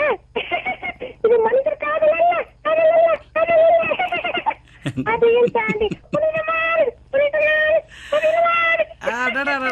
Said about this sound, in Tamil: எக்கோலாம் சேர்த்து குடுக்கறீங்க. எல்லாமே சேர்த்து குடுத்துறீங்களே சார். அழுகைக்கு கூட எக்கோ கொடுக்க உங்களதான் சார் முடியுது.